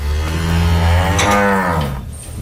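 A dairy cow lets out a long, loud moo, a deep drawn-out bellow that swells and then trails off, with no one talking.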